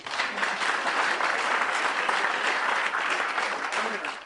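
Steady applause from a group fills the whole stretch, a dense, even patter of many hands clapping at once, sustained before cutting off at the end.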